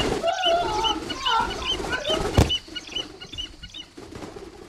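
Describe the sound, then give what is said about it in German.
A trained bird, its hood just taken off, gives a quick series of harsh, squawking cries for about two seconds, then a sharp knock sounds and only faint background noise follows. “Na, dann wollen wir dem Vogel mal die Haube abnehmen.”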